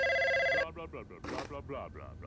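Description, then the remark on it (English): A telephone rings once in a short, steady electronic burst that cuts off abruptly, and a voice starts talking right after it. “He's gonna pick up the phone.”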